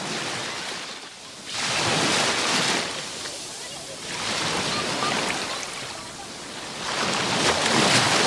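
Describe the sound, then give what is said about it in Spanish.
Waves break on a beach shoreline, recorded with the microphone at the water's edge on a hot, sunny day, in broad, hissing surges, three swells rising and washing out over about eight seconds, with a steady roar of surf between them and no voices. “Ponemos el micro en el rebalaje a ver qué tal se escucha.”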